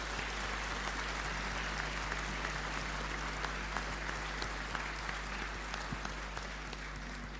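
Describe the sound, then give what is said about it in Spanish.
A church audience at Mass applauds the mothers present in gratitude and homage, a steady, dense, continuous patter of many hands clapping at once, heard from within the crowd over a low background hum. “Le vamos a dar un aplauso muy grande de gratitud, de homenaje.”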